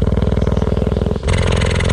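A female cheetah purring, recorded with a microphone lowered to about 3 yards from her: a loud, deep, rapidly pulsing rumble like an idling engine that shifts to a brighter, breathier tone partway through as the breath turns. No one speaks.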